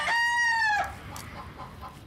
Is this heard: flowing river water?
no